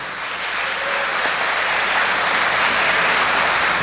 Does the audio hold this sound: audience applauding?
yes